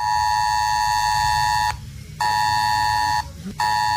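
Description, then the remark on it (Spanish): A loud, harsh emergency alert tone from mobile phones blares in long bursts, cutting out briefly twice before resuming, with a steady buzzing, harmonic-rich pitch and no speech. It is an alert drill sounding this morning on phones in the Calahorra area and nearby zones within about 5 kilometres. “Este va a ser el sonido que se pueda escuchar hoy en esta mañana en la zona de Calahorra a través de los teléfonos móviles, también en zonas próximas dentro de un perímetro aproximado de 5 kilómetros.”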